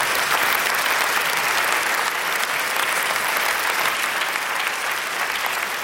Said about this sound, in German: Nochmal einen großen Applaus für dich